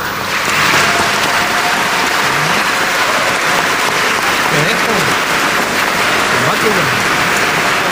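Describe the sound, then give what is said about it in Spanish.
Loud, sustained applause from a large crowd at a Eucharist, welcoming the bishop after his first liturgical blessing to the people of his diocese, a dense, steady wash of clapping that holds at full strength for the whole stretch, with faint voices mixed in underneath. “Así que lo reciban con un fuerte aplauso.”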